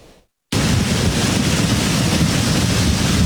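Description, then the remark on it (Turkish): A loud, steady roar of rushing floodwater from streams overflowing after a sudden heavy downpour in Kağızman, Kars, on a highland pasture, cuts in abruptly after a brief quiet moment, churning continuously with no voices. “Efendim, Kars'ta aniden bastıran sağanak dereleri taşırdı.”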